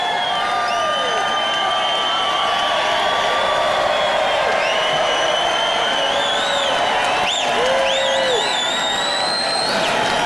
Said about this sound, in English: we've got Donald Trump Jr., who is now taking to the stage of the Republican National Convention. He's just giving a little wave and getting lots and lots of applause from people.